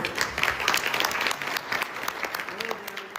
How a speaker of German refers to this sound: Und von Präsident Macron gab es entsprechenden Applaus.